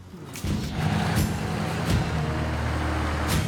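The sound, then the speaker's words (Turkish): An old car engine idles roughly after starting up, smoking as excess oil that leaked onto the valves burns off; its low, steady rumble is continuous, with faint rattling and brief hissing bursts above it. “Motor duman çıkarıyordu çünkü ventillere çok fazla yağ sızmıştı.”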